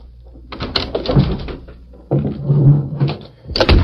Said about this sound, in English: Early the next morning, Red Bassett unlocked the door of the Clarion office.